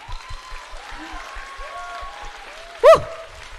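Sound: audience applause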